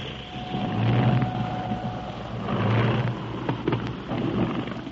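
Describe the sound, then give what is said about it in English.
A small radio-controlled airplane with an empty cockpit flies around inside a cave, droning with a steady, buzzy engine hum over a noisy rumble, its low tone wavering and swelling slightly as it circles. No one speaks. “There's an airplane flying around this room.”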